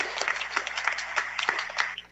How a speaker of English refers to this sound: So shall we give her a little round of applause for being with us this time?